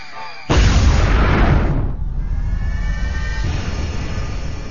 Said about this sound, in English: It can get loud, too. When a glacier calves, it's as loud as a cannon.